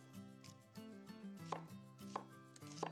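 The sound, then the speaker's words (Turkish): A knife chops garden onions on a cutting board in a quick, uneven rhythm of crisp thuds, with steady kitchen background hum and no talking. “Biraz daha soğan doğrayacağım.”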